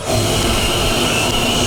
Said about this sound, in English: Now, they try an electric leaf blower.